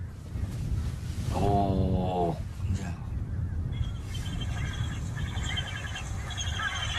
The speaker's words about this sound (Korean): 아, 이거 소리는 독수리답지 않네. 이거는 뭐 할미새가 낸다 그러면 이제.